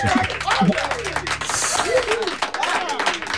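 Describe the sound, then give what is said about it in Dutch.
A short burst of steady applause, many hands clapping in a dense crackle, with voices talking over it throughout. “Nou, dan krijg je toch een applaus bij, want dat vind ik echt prima.”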